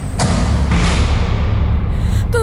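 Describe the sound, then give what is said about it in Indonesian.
A door slams shut on its own, hard, with a loud, heavy thud, followed by a sustained low rumble and a brief high squeal at the very end. “Tiba-tiba, pintu tertutup dengan sangat keras.”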